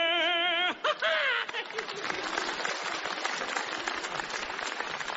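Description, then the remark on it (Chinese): A brief sung or drawn-out vocal phrase opens, then an audience breaks into steady, dense applause that carries on at an even level to the end. “大家不要鼓掌了，我知道你为什么唱上来了。”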